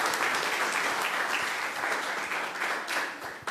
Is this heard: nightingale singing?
no